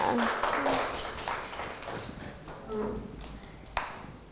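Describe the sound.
A small group claps their hands in quick, uneven bursts for a few seconds. The claps are close and fairly loud, with a faint voice murmuring underneath.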